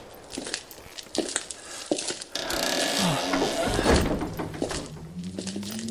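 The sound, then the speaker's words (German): A stuck heavy wooden church door is forced: several dull thumps and knocks at first, then a long grinding scrape with low, groaning creaks as it drags open. “Diese verdammte Tür.”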